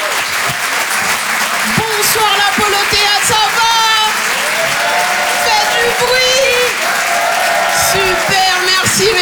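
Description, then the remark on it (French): A live comedy audience at the Rire et Chanson Comedy Club applauds steadily as a comedian is introduced, with dense, continuous clapping, punctuated by high whoops and cheers rising above the noise throughout. “Waouh, tous les applaudissements, c'est magnifique, vous êtes super beaux.”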